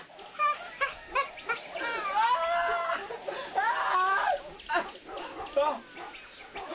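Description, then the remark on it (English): A dog barks and yelps in a rapid, excited series of bursts, fairly loud, its voice wavering up and down with no pause for several seconds. “What's that? The dog.”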